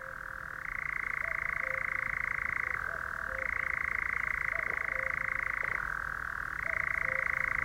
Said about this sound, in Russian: И даже монотонное трещание козадоя на фоне далекой кукушки воспринимается поэтически.